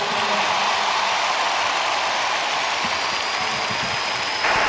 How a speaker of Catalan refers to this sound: El papa que aplaudeix, eh? Aplaudeix molt content el papa Lleó XIV, aquesta cridòria també de l'estadi.